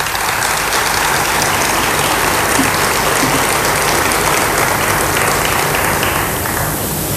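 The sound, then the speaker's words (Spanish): Sustained applause from a crowd for the team of the Fundación del Libro y la Cultura, a dense, steady wash of clapping at even loudness throughout, with no voices standing out. “Quiero agradecer al equipo de la Fundación del Libro y la Cultura, que creo que es un importante, y pido un aplauso para este gran equipo.”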